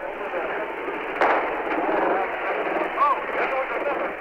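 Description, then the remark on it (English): A single sharp bang as tear gas is shot right into a crowd cuts through a steady, muffled roar of crowd noise and shouting voices, with a smaller pop shortly after, as the crowd tries to retreat. “There goes a big blast of tear gas right into the crowd.”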